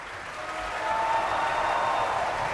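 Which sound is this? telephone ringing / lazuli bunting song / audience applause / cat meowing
audience applause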